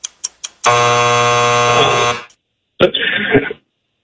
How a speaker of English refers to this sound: All right, let's think you got it in before the buzzer.